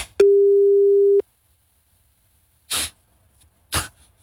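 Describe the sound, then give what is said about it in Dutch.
A single steady, mid-pitched phone ringback tone sounds for about a second as a call is placed, then stops, followed by silence and two short, harsh bursts of noise. “Gewoon wachten op zo'n kiestang.”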